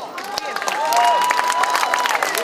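A large crowd applauds steadily, dense clapping mixed with cheers and a few whistles rising over the din, sustained and fairly loud throughout, heard from within the audience.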